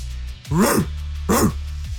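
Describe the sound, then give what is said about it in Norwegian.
A person imitates a dog barking as a sound effect, giving two loud vocal barks about a second apart, each with a rising and falling harmonic sweep, over a steady low background hum. “Jeg har skrevet ned noen lydeffekter her som jeg skal teste nå på lufta. Og ok, så skal jeg rate dem her da? Du kan rate dem. Ok, først så har vi hund.”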